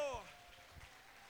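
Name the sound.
audience applause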